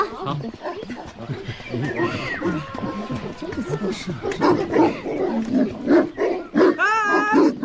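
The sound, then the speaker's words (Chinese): Several village dogs, among them Xiaohuang and Xiaohei, bark and yelp at a newly arrived stranger in overlapping bursts in Xiutang township in rural Taizhou, loud and insistent, while people's voices talk and exclaim over the commotion outdoors. “狗怎么就围攻我一个呀？”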